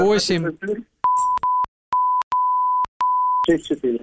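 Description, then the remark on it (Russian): A steady electronic censor bleep sounds in several bursts of varying length, broken by short gaps, cutting across a phone number being dictated over the phone, with talking before and after it. “Можете диктовать, мы запикаем.”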